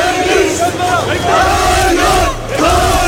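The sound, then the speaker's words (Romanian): A large crowd of protesters in Taksim Square, Istanbul, Turkey, shouts and chants together, demanding wage rises, social protection and collective labour contracts. It is a dense roar of many voices with rising and falling cries, staying loud and continuous throughout with a brief dip near the end. “Aceleași lucruri le-au cerut și protestatarii adunați în piața Taksim din Istanbul, Turcia.”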